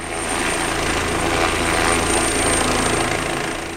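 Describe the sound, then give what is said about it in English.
A loud, steady helicopter roar with a rapid low rotor chop and a broad engine whine, constant throughout, with no voices; helicopters scooping up water from a pond near a home in Oregon, over charred fields under a smoke-filled sky. “Smoke blankets the sky, and it's impossible to escape the noise of helicopters scooping up water from a nearby pond.”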